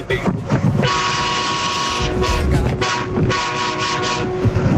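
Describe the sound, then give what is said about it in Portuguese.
A loud, steady horn blares almost continuously for several seconds over a dense wash of rumbling traffic-like noise, with brief dips in between. “Ô meu filho, você tá adiantado, o buzinaço é só mais tarde, viu? Calma, segura a buzina aí.”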